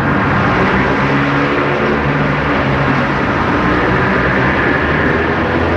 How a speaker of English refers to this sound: As cathedral-like as you can possibly get for being underneath the 8-lane expressway. It's loud, constant. It isn't just something you're seeing. It's something you're feeling because of all the noise.